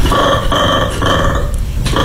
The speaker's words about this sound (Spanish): Escucha bien, este es un mono peludo.